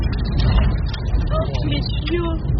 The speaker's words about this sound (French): Vous entendez la force de la mini-tornade, ou plutôt des débris qu'elle projette sur le pare-brise de la voiture.